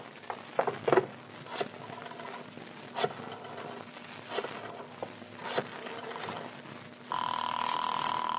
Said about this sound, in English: That's funny. The phone's ringing all right. Oh, why doesn't someone answer Santa's telephone?